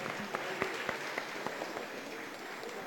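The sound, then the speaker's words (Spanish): A group applauds with a steady wash of overlapping hand claps, a few sharper claps standing out, holding an even level for about three seconds with no voices. “Excelente. Un aplauso.”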